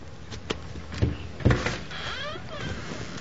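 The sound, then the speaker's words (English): A man gently knocks a few times on the door of a small house with a gravel driveway, evenly spaced about half a second apart, followed by a brief faint voice-like murmur against a quiet background. “When he gets to the door, he gently knocks.”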